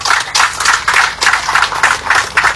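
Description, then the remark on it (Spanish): A crowd at the Feria Internacional de Villatunari in the Cochabamba tropics applauds loudly and steadily after governor Leonardo Loza's speech, the dense clapping swelling in quick, regular pulses as if many hands fall into a shared rhythm, with no voices on top. “Y un gran aplauso para cada uno de ustedes, hermanas y hermanos presentes acá.”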